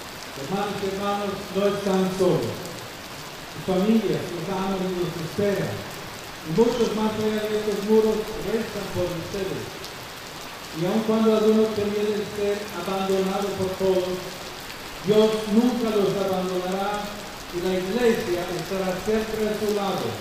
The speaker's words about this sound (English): Referring to the rain that came down heavily during the meeting, the Pope told those present that, in some places, it is a blessing from God.